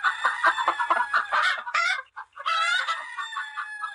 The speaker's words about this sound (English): Hen. This is a hen. Hen. What does a hen say?